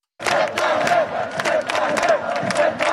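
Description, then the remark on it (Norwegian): A huge crowd of around 100,000 people in central Oslo, Norway, around Karl Johan, roars and cheers continuously to celebrate Norway's 2-1 win over Brazil, a dense wall of shouting voices with bursts of louder yells rising and falling over a steady sustained din. “Rundt 100 000 mennesker samlet i Oslo sentrum for å feire at Norge vant 2-1 over Brasil, det opplyser politiet til NRK.”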